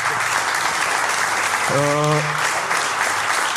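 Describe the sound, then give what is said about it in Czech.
Dense, steady applause from an audience for a photo being shown fills the whole clip, with a brief voiced cry rising above the clapping about halfway through. “Můžete klidně tleskat, jo, je to samozřejmě”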